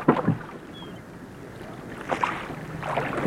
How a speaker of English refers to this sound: So pull heartily, men. A cast-off bow. Out oars. And stroke.